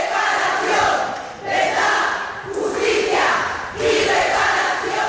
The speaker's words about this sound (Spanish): Por eso nos levantamos y gritamos durante 15 minutos verdad, justicia, reparación y olvido, no perdón.